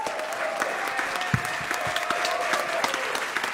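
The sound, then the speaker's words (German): Steady, dense audience applause for the performance Getöse, many hands clapping at once, a continuous crackling roar of claps holding at an even level throughout with no voices standing out. “Ein Applaus für Getöse.”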